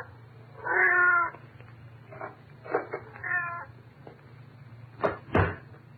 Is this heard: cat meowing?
yes